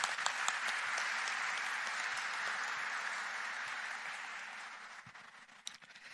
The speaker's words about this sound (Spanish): Felicito y agradezco de corazón sus fiats y perseverancia. Un aplauso para ellos.